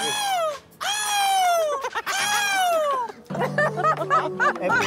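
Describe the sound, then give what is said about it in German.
Voices imitate seagull cries: three long, loud, high wailing calls that slide downward in pitch, followed by a burst of shorter, choppier squawks. “Ich will jetzt, dass jeder einmal die Möwen nachmacht, okay?”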